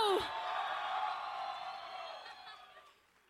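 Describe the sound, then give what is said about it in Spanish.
A crowd cheers and applauds for a band's bass player, heard on the radio station Alternativa 98, in a dense, sustained wash of clapping and shouts that holds steady, then gradually fades toward the end. “Muy bien, por favor, una vez más, un aplauso para mi hermana en el bajo,”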